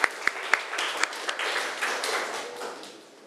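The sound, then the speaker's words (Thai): A burst of applause from a small group of students, given as encouragement during a classroom points game, opening with a few sharp, distinct claps that blur into steady, dense clapping before tapering off slightly at the end. No one speaks. “เอาล่ะเอาปรบมือให้กำลังใจหน่อย”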